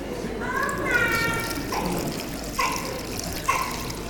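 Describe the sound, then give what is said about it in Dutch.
Water pours steadily into a basin or bowl for a few seconds, a continuous splashing rush, with brief high-pitched child vocal sounds mixed in. “Ik heb er toch niet helemaal genoeg water in gedaan.”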